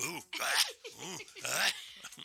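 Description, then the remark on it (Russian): A man imitates sneezing with his voice, making a few quick, loud sneeze-like bursts in a row, each a rising vocal sound ending in a sharp, breathy burst. “Это я так чихну.”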